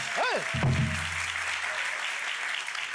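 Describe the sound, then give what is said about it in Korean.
An audience claps steadily for the gosu (drummer), a dense wash of applause that fills the whole stretch, with a brief vocal exclamation and a low tone near the start. “아이고, 저희 고수 선생님한테도 박수 한번 부탁드리겠습니다.”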